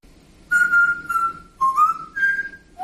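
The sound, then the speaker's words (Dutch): A parrot named R2 whistles a short Mario tune: a series of clear, sustained mid-pitched notes, one sliding upward and another held higher, with a slightly raspy edge and no talking. “Oké, dus we hebben een voorbeeld van een papegaai die Mario zingt.”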